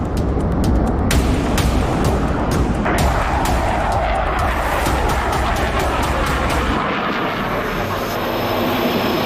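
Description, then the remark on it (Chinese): An Egyptian air force main fighter jet roars loudly overhead above an air base in Egypt during the China-Egypt Eagle of Civilization 2026 joint air force training, a dense, continuous rumbling blast filling the whole clip, its deep low end thinning out near the end as the aircraft passes. No one speaks. “在相应的过程中，我第一个就是非常兴奋，我说，哎，终于见到了这个埃方的主战飞机了。”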